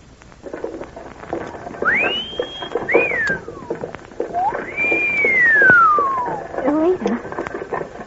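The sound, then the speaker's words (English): Several sliding whistles from GI soldiers whistling at passersby along a street: a quick rising glide that holds a high note, a brief chirp, then a long arching whistle that slowly falls, with murmuring voices and background noise underneath. “Those GIs are whistling at us.”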